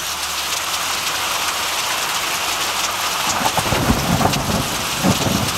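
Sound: rain and thunderstorm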